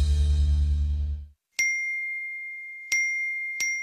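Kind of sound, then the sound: signal or alarm, phone message notification dings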